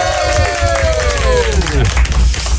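Steady applause from a studio audience, a dense crackle of clapping with some cheering, while a musical tone slides downward in pitch over the first two seconds. The applause welcomes a duo who will raise money for the Alpe d'Huez auction.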